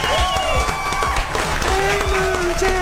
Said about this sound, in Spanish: Un aplauso.